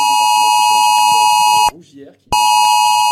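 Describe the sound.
A loud, harsh emergency alert tone on a phone blares steadily, cuts out briefly to reveal quieter background voices, then resumes at full strength; the alert residents near Bordeaux received on their phones around 3 a.m. during evacuations.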